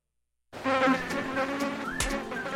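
A mosquito buzzes loud with a steady, whining hum that wavers slightly in pitch. It starts after a brief silence and continues without pause, with no voices.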